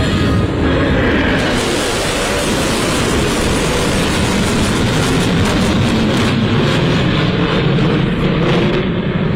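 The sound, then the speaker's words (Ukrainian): A loud, continuous roar of US B-1 Lancer strategic bombers flying overhead in a flyover show for Xi Jinping's visit, steady and powerful throughout with a deep rumbling undertone and no voices. “Реакцію на літаки вдалося зафільмувати журналістам.”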